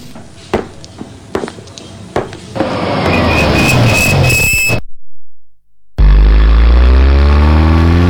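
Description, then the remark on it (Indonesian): A school bus engine revs up and pulls away after a few sharp clicks and knocks, its whine climbing in pitch; after a brief silence a deep, loud engine rumble returns. The bus is taking Ismail to school. “Sementara dengan tambahan uang saku, Ismail berangkat dengan menggunakan bus sekolah.”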